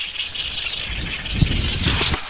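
A dense, continuous chorus of high bird calls in a wetland, many birds including herons, cranes and lapwings chirping at once, with a low rumble of wind or movement underneath and no talking.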